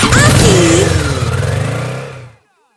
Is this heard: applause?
no